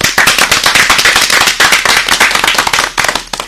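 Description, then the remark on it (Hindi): Loud applause for both teams at the end of a quiz, a dense rapid patter of many hands clapping that holds steady for several seconds before thinning slightly at the end, with no voices over it. “तो एक बार जोरदार तालियां खुद के लिए, दोनों टीम।”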